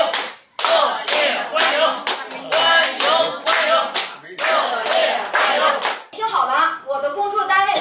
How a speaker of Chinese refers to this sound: 我希望咱们叔叔阿姨以咱们老北京最热烈的掌声欢迎一下他，好不好，叔叔阿姨？